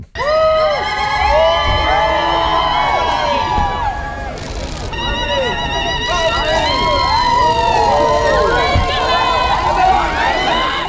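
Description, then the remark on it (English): A loud, dense crowd cheers and shrieks continuously, many high-pitched voices overlapping in excited calls and whoops with no pause, greeting the Duke and Duchess of Sussex, Harry and Meghan, at a community recording studio in Nottingham, UK, their first joint engagement since returning to the UK. “The Duke and Duchess of Sussex have been cheered at their first joint engagement since returning to the UK.”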